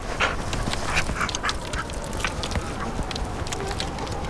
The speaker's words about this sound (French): Le chien a descendu la pente à toute berzingue.